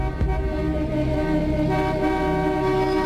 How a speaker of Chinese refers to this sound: 就在小伙子忙着倒车让路的时候，客车的后面又有几辆车也跟了上来，被迫停在那里，不耐烦地按起了喇叭。